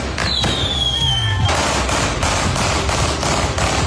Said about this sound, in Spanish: Con disparos, fuegos artificiales, un auto quemado y sin detenidos, se realizó un velatorio simbólico en la comuna de Quilicura.